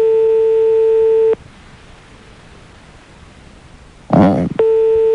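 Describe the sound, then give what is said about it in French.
A steady, buzzing telephone ringing tone sounds on the line for about a second, falls silent for several seconds, then starts again right after a brief muffled burst of noise, as a colleague places a call to the listener. “Vous entendez la sonnerie?”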